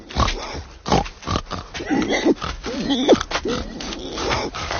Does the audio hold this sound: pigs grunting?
yes